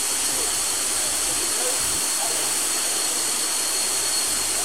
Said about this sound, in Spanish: Y la lluvia es como si estuviéramos en invierno, ¿no? Qué fuerte la lluvia.